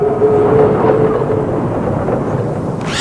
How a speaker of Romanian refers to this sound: După mai multe săptămâni de calvar, trenul opri la Habarovsk.